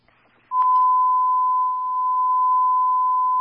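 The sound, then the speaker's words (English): A dispatch alarm tone: a single loud, steady, mid-pitched beep that switches on abruptly after a half-second of faint radio hiss and holds unbroken for about three seconds. “And just turn on alarm, patient contact.”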